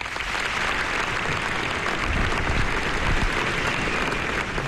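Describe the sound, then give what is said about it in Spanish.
Sustained applause from a large crowd at a mass funeral farewell in Pamplona, Spain, for five regional police officers killed in a traffic accident, a dense, steady wash of clapping that fills the whole stretch without pause, with no voices rising above it. “Entre aplausos esa despedida final.”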